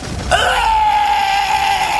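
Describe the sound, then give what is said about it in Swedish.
A man lets out a loud, drawn-out scream as he begins to melt; it starts abruptly and holds a steady, piercing pitch for nearly two seconds, with no talking. “Rasputin skrek högt och började smälta.”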